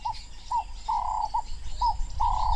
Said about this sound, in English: At sunset, as the temperature falls, the wading birds join the scene. The three-banded plover paces the edges of the marsh to flush out insects and other invertebrates.